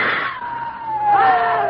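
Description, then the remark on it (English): Several voices scream together in a loud, sustained, high-pitched wail lasting nearly two seconds, swelling slightly toward the end, frantic. “Scream again.”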